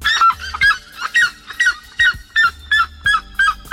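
A red-legged seriema, a crane-like bird, calls loudly in a rapid series of shrill, yelping notes, about two or three per second, repeated steadily with no talking.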